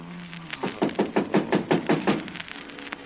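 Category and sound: household object, knocking on a door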